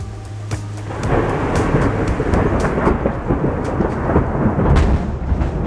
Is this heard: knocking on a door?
no